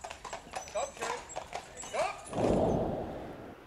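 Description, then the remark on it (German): Horse hooves clip-clop in a quick, uneven series of sharp knocks, followed by a broad rushing noise near the end as the horses pass by. “jede Menge Pferdestärken in PS-Lohe.”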